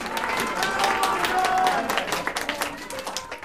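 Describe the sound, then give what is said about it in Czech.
A theatre audience applauds, many hands clapping in a dense, steady patter that stays fairly loud throughout and thins slightly toward the end. “Nemluv o smrti, když ti tleskají.”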